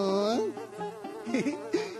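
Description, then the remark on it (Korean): A dung fly buzzes steadily, its drone wavering and swooping in pitch several times as if it darts around, with no talking over it. “똥파리님! 꽃가루를 꽃가루도 데리고 가주세요.”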